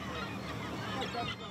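Several seagulls squawk and cry over one another in a dense, continuous chorus of harsh calls, fairly close and steady throughout the brief moment.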